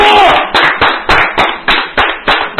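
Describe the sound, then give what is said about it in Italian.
A group claps in a steady, loud rhythm of roughly three claps per second, with a wash of voices and crowd noise running underneath throughout. “Un applauso all'altro.”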